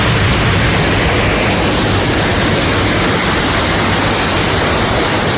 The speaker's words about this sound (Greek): Τα ορμητικά νερά παρασυρούν τραπεζοκαθίσματα και άλλα αντικείμενα από τα καταστήματα.